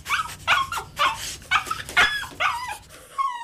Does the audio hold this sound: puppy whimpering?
yes